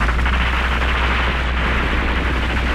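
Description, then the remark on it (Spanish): A dense, continuous barrage of weapon fire and explosions from a fleet of spaceships firing, loud, with deep rumbling booms blending into a steady roar and no voices. “al mismo tiempo que recibían los disparos de la flotilla de Samabor, se topaban con la serie de picos inmensos”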